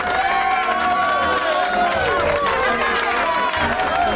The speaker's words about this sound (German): Unglaublich, dass der immer so viel Applaus kriegt.